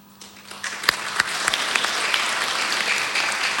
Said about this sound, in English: And of course, a big thank you and round of applause to all our staff, volunteers and performers.